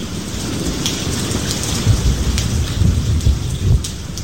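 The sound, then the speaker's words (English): Steady rain hisses across the whole stretch while deep, rumbling thunder rolls underneath, swelling louder in a few heavy surges toward the end. No one speaks. “More rain coming?”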